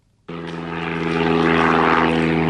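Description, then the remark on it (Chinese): A large propeller cargo drone, the Changying-8, China's first 7-tonne large transport drone, roars loudly on its maiden flight in Henan, its steady buzzing drone and rushing air noise kicking in abruptly after a brief silence and holding without any voices. “今年三月底，我国首款7吨级大型运输无人机长鹰8在河南首飞成功，成为全球迄今首飞的最大货运无人机。”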